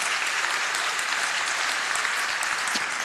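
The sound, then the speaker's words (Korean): A large crowd at a church service claps steadily and continuously for the middle and high school group after their praise song, a dense, even wash of applause lasting a few seconds without any voices standing out. “우리 박수 한번 보냅니다.”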